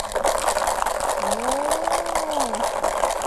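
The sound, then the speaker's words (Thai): A homemade bottle shaker, decorated with torn paper and pipe cleaners and filled with beads, rattles steadily for several seconds, a rapid, even, gritty swish of beads with quick rhythmic pulses and a faint gliding tone briefly underneath. “ลองเขย่าให้เพื่อนๆฟังหน่อยนะคะว่าเครื่องเขย่าเนี่ยจะมีเสียงเป็นอย่างไร”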